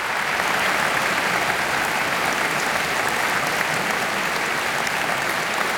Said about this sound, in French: Et le public applaudit chaleureusement. On peut même parler d'un tonnerre d'applaudissements pour la pianiste italienne et ce concert qu'elle donnait